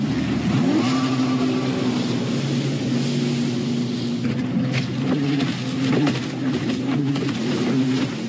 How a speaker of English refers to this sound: Bump, bump, bump sound. It's hard to miss them, whether you're looking at them or just listening out for them. But yeah, jet skis really letting everyone know that they're around on Nightcliff Beach.